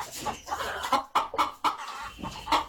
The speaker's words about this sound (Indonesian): Ayo kita ke halaman. Nah, ini. Bantu saya membariskan ayam-ayam ini, ya. Ayam-ayam ini harus diberi pengarahan.